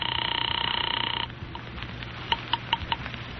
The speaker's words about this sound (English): One moment, sir. I'm ringing Miss Blake's apartment.